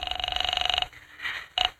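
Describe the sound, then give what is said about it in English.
A telephone line rings with a fast, buzzing warble as an operator connects a call to a police precinct station: one long ring, a brief pause, then the next ring starting. It's fairly loud, with no one talking. “I'm ringing.”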